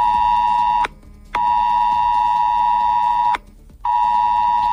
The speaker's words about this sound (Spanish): Así ha sonado en los teléfonos del municipio este aviso que aconsejaba la evacuación ante una posible alerta de incendio forestal como parte de un simulacro en el que han participado casi 500 personas.